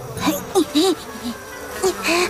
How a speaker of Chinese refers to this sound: 这里好多蚊子啊，